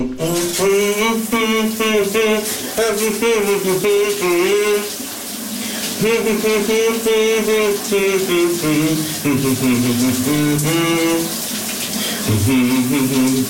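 A man sings a wavering, sustained melody in his morning shower over the steady hiss of shower water running continuously, his voice loud and rising and falling in pitch throughout.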